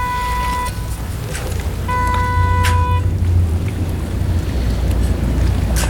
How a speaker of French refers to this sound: Il y a un peu de vent.